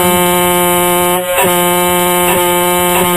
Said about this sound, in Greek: αλλά έχουμε να ακούσουμε και μία κόρνα.